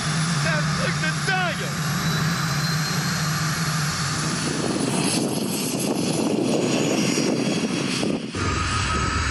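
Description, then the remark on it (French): A car's turbine whines and climbs in pitch as it spools up under acceleration, with a loud, steady rushing roar underneath that thickens and deepens toward the end. “Oh là là, quand j'accélère, j'entends la turbine qui se met en route.”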